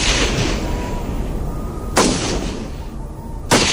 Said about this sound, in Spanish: De pronto, se escuchan disparos.